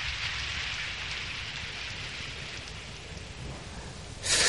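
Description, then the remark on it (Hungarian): Heavy rain pours steadily in a dense, continuous hiss with a low rumble beneath, swelling louder and brighter in the final half second, while a person bathes in the rainwater. No voices are heard. “Most fürdök a legtisztábbra, hiszen nincs szűzebb az esővíznél.”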